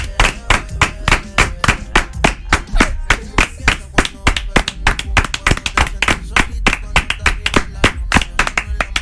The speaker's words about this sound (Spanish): Ey, 31 aplausos para el ganador.